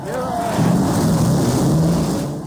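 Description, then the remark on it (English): Several race car engines fire up and settle into a loud, steady low roar with a droning, slightly wavering pitch that holds for a few seconds. “Ladies and gentlemen, start your engine.”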